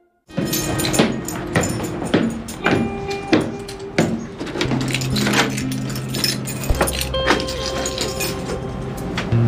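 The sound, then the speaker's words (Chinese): Keys rattle and scrape in an old door lock, a busy series of metallic clicks and jiggles going on for several seconds, with a low steady hum rising underneath toward the end. “那锁可能老化了吧，我回头给您换一把。”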